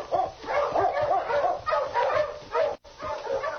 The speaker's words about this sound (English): Now get the dog started, quick. Mush! Mush!